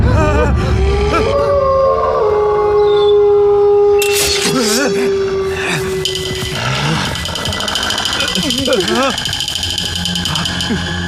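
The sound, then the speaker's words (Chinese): A pack of wolves howls loudly, several long drawn-out cries overlapping and sliding in pitch, followed by shorter wavering yelps and calls that continue to the end. “狼，他们是狼。”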